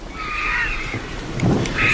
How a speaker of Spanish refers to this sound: y al fondo se están secando las plumas, los buitres. Ahí están. Con ese cacareo y una garza real.